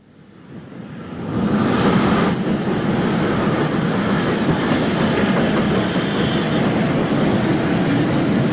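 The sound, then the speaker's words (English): A train arrives at a station platform, swelling quickly from quiet to a loud, steady roar with rattling carriage noise that holds for several seconds, with no voices. “The train was an hour and a half late. It didn't get in till 10:30”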